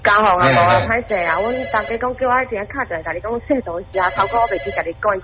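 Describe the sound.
A telephone rings with a melodic ringtone that plays loudly and steadily for several seconds while people talk over it.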